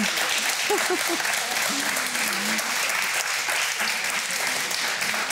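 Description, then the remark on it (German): Steady, dense audience applause for a bingo winner fills the whole stretch, a broad crackling wash of many hands clapping, with faint voices and a few tonal calls rising briefly underneath. “Applaus hier für das Bingo.”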